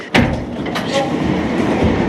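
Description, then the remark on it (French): An elevator going up to the top of an aqueduct starts with a sharp mechanical clunk, then a steady rumbling hum as it begins to move. No voices are heard. “on va prendre l'ascenseur et on va aller au sommet de l'aqueduc.”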